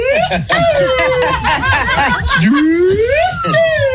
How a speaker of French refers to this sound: C'est une flûte, ça. Ah oui, c'est un petit pipeau, là. C'est un pipeau, ouais.